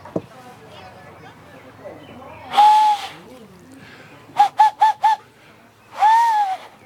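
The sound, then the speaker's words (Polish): A tawny owl hoots: a drawn-out, wavering hoot, then four quick short notes in a rapid burst, then another long hoot. The calls are fairly loud, with only faint low background sound between them. “No rzeczywiście różnica jest puszczyk sowa”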